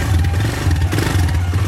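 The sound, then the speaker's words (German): A quad bike engine is started and revved loudly with a deep, throbbing rumble that swells and dips in pitch a few times, accompanied by mechanical clatter, with no voices. “Zuerst hier Kontakt an und hier drauf drücken, Gas geben und hier die Bremse zweimal.”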